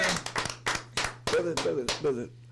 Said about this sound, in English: Get your applause, bro.